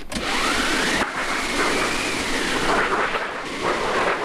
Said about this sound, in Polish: To, co tutaj widzimy, jest to maszyna do wiatrów i grzmotownik tak zwany. One zostały zrobione do poprzedniej balladyny.